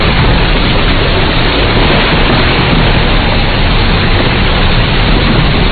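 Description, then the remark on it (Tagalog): A thunderstorm with heavy rain pouring down in a loud, steady, unbroken roar for the whole stretch, with no voices and no pauses in the downpour. “Ang lakas ng kidlat at kulob, umulan na.”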